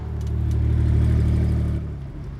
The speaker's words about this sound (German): Das ist der Wagen, der mich fast umgebracht hat. Was? Bist du sicher? 100%.